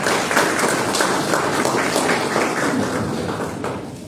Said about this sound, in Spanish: Entonces, empezamos con el candidato Julio Chacón, Frente de la Esperanza, para que pueda dar su presentación. Un aplauso para el señor Julio Chacón.